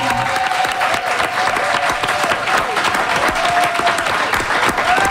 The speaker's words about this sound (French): Et on a eu envie de recevoir Steven Guilbeault, député libéral sortant de Laurier-Sainte-Marie, et Manon Massé, députée solidaire sortante de Sainte-Marie-Saint-Jacques. On les applaudit!